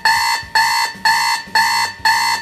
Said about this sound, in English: But what's the sound your alarm clock makes? Is it a gentle wake up, you know, eases you into the day, or is it this classic old school beast?